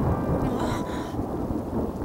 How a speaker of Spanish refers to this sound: Quisiera que dejara de llover.